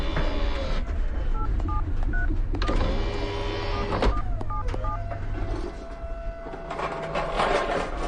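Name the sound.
telephone number being dialed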